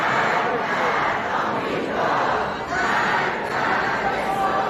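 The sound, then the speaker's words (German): A large crowd chants "Death to America, Death to Israel" together at a mourning ceremony in a packed subway station, a loud, dense roar of many voices rising and falling in rhythmic swells without a pause. “Und schon früh brannten Rufe auf wie Tod Amerika, Tod Israel, wie hier in einem überfüllten U-Bahnhof.”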